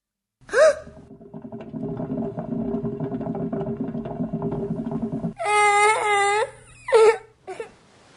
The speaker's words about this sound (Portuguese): E o menino chorou. Chorou a dor do dedinho do pé, mas também tantas outras dores reprimidas por todo aquele tempo engolindo o choro.